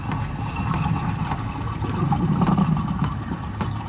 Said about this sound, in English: And this is the humpback purring.